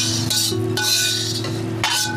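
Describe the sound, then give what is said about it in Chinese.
Bowls and chopsticks are set down on a table, a few clattering knocks at uneven intervals over a steady low hum, with no one talking. “你把那碗筷放好就行了啊！”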